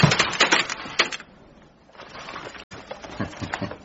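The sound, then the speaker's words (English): A typewriter clatters with a run of sharp mechanical clicks and rattles during a typing exercise, then quiets to a soft scraping before a brief pause and a fresh burst of clacking as the carriage is returned to the left. “Return the typewriter carriage to the left.”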